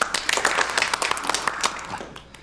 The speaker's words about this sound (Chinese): 鼓掌啊！